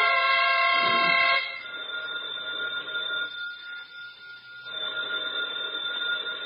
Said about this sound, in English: So when the telephone rang at 2 o'clock in the morning, waking me out of my well-earned sleep, I was an indignant fellow.